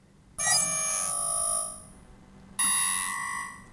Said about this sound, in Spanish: ¿Qué le pasa a esta alarma hoy?